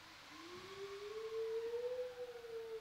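A long, steady wolf howl: one clear, fairly low tone that starts weakly, then slides gradually upward and holds, sustained for nearly three seconds over a soft hiss, with no talking.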